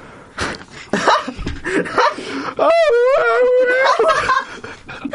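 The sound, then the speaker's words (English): A voice imitates a banshee wail, a loud, quavering high-pitched tone that warbles and slides downward for about two seconds, preceded by a few seconds of breathy, rustling vocal noises. “used a stunning banshee attack, which is really just her singing, and almost all of the crew were stumbling around dazed.”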